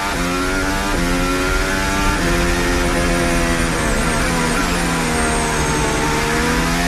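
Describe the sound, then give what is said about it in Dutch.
Onboard engine sound of Verstappen's Formula 1 car, loud, its high-pitched whine climbing and dropping with several quick gear changes over about seven seconds, with no voices. “Onboordgeluid van Verstappen”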